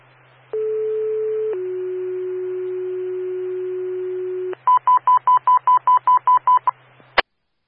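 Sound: radio dispatch alert tones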